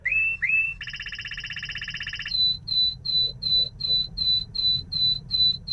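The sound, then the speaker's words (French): A canary sings one phrase: two short introductory notes, a fast buzzing rattle, then a steady series of about ten bright, evenly spaced whistled notes, clear over a low background hum. “Il y a quelques notes d'introduction, puis ce son de crécelle, et puis après ce sifflet.”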